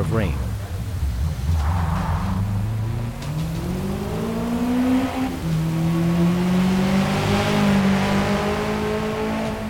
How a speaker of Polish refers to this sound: Na dźwięk silnika, który stał się zdecydowanie bardziej agresywny niż wcześniej.